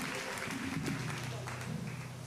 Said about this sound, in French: On applaudit le second Dieu dans la vie, l'ange de l'église, le pasteur de l'église, la gloire de Dieu.